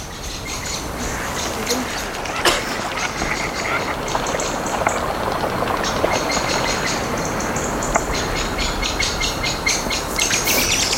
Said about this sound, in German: Oh, die Amsel.